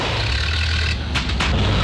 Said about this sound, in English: Now his car sounds like a coffee grinder on strike.